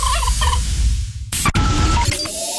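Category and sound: sound effect, turkey gobbling sound effect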